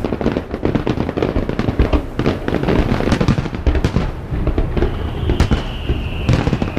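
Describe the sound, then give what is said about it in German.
A dense barrage of fireworks bursts and crackles without pause in the sky at 10 pm at the Goldmakrelenfest in Kalaratjada, sharp pops and booms overlapping loudly, with a thin whistling streak rising through the final seconds. “Um 22 Uhr gibt's noch ein großes Feuerwerk am Himmel.”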